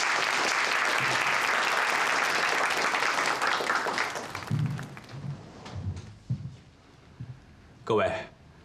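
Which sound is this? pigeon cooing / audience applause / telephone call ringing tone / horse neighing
audience applause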